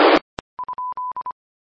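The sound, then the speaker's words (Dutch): A radio repeater beep tone, sounding when the repeater no longer receives a signal: after a brief burst of static and a click, a steady mid-pitched tone pulses in a quick run of short and longer beeps, Morse-like, with no voices. “Want de repeater zegt, diep.”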